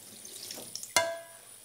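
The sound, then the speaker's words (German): A small splash of water poured into a metal saucepan that already holds a little milk, with a light hiss of liquid and a sharp clink that rings briefly and fades. No talking. “Ein kleiner Schluck Wasser.”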